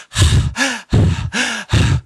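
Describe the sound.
A voice imitates the loud, noisy labored breathing of a person having a severe allergic reaction: five harsh, rasping breaths in quick rhythm, the inhales carrying a strained, whistling wheeze, with no talking.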